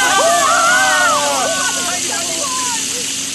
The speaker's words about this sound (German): Tatsächlich. Wasser. Eine riesige Wasserfontäne schießt in die Höhe.